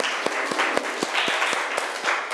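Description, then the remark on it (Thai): Loud applause from a group of students for the representative of group one, a dense wash of clapping with a steady beat of sharper claps roughly every half second, as if some people clap in rhythm. “อ่ะโอเคค่ะขอเสียงปรบมือดังๆให้ตัวแทนจากกลุ่มที่หนึ่งค่ะ”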